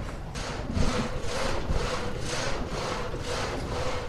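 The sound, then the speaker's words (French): A water-turbine-driven reciprocating frame saw, called a châssis in the Haut-Jura, cuts through wood in steady, evenly spaced rasping strokes, roughly two per second, over a constant low mechanical rumble, loud with no voices. “Eh ben là, on voit que j'ai mis en route la turbine qui est elle-même a mis en route notre scie alternative qu'on appelle un châssis dans le Haut-Jura, quoi.”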